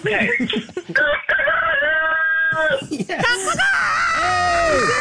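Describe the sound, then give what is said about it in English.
A rooster crows loudly, letting out a couple of long, drawn-out, strained calls that rise and hold before trailing off. “Wow, that worked. You got a great rooster there.”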